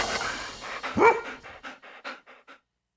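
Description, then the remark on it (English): A dog pants in quick, rhythmic breaths, breaking into one sharp, loud bark midway, then the panting trails off in a series of fading huffs before silence. “We can keep our four-legged friends happy by making lots and lots of dog noises.”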